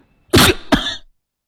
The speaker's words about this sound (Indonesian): Mohon maaf agak batuk sedikit.